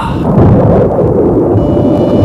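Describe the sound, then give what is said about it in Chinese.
Deep, rolling thunder rumbles loudly and steadily for a couple of seconds before rain, a heavy low roar that fills the space without any voices. “要下雨了”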